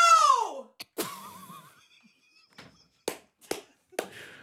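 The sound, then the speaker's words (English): A loud, bellowing shout from a woman attempting to be the world's loudest person. It slides downward in pitch and lasts about half a second. Several sharp thumps and clattering knocks follow at irregular intervals as a person hits a wall. “This is her attempt at being the world's loudest person.”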